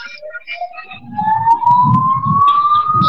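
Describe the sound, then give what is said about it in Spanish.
An ambulance siren from the Mairana hospital wails in a single long rising sweep, getting louder as a vehicle engine rumbles alongside it, on its final run at the end of a competition. “Así es, aquí está el carro barredor, la ambulancia del hospital de Mairana, ahí haciendo también de las pericias, la, deleitando a la gente que está aquí, sí, haciendo el último recorrido.”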